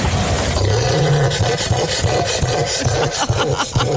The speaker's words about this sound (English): I think it sounds more like a crocodile than a bird, Emma. What do you think it is? That should be a cassowary, I believe.